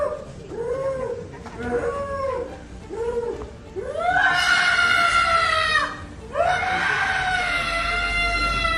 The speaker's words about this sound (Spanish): Y justamente en Campeche, en México, donde un ladrón se metió a una casa para robar, pero tuvo, digamos, un accidente laboral. Chequen esto. Los gritos de dolor despertaron a los vecinos.